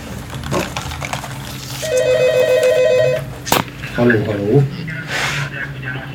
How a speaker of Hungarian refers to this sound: Telefon.